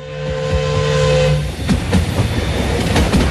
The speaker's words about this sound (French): Un train spécial s'ébranle depuis Bienne pour rallier la capitale où les festivités battent leur plein.